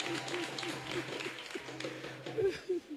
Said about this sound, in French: Ce que j'ai dit là, vous l'avez compris et puis vous applaudissez là.